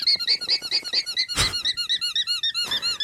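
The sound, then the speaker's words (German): An alpaca lets out a rapid, steady series of high, squeaky honking calls, about twenty in three seconds, with a harsh, noisy burst midway and a shorter one near the end. “Naja, es ist keine Hupe vom Tabuspiel, es ist wirklich ein Tier, das ist ein Alpaka.”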